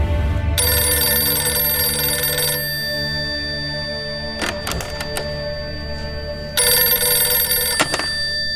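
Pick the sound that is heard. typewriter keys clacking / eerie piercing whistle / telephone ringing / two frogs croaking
telephone ringing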